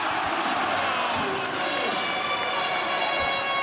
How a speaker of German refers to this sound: Ganz viel Jubel. Zu Recht. Immerhin hat die deutsche Fußballnationalmannschaft Curaçao mit einem 7:1 besiegt.